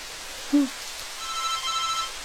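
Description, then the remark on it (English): A telephone rings faintly in a flat, its thin electronic tones barely rising above a steady hiss of running shower water, with a brief low blip near the start and no voices. “Oh, now what? Who's calling me?”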